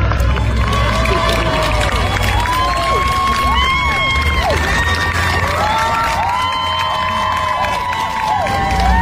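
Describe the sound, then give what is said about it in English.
A large crowd cheers and shouts continuously outside a courthouse, many overlapping voices whooping and calling out at a steady, loud level for the whole stretch, cheering for a woman as she is driven away. “It's another thing, though, to stand outside the trial or the courthouse as Lindsey Clancy is driven away, cheering for her.”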